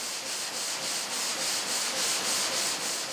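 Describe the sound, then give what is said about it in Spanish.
A steady, grinding saw cuts a marble block into slabs in India, continuously cooled with water, with a harsh, rasping hiss that pulses in a regular back-and-forth rhythm, loud, with no voices. “Cortar un bloque de mármol en losas lleva casi 5 horas.”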